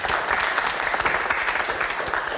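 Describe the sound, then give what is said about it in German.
A studio audience in the large Studio Franken of the BR in Nuremberg, Germany, applauds steadily, a dense wash of many hands clapping at a fairly loud, even level throughout, with no voices on top. “Ja, und Sie hören es schon, wir sind hier im Studio Franken des BR in Nürnberg, ein großes Studio und wir haben Publikum da, das mitdiskutieren wird”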